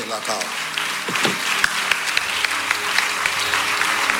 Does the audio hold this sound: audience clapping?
yes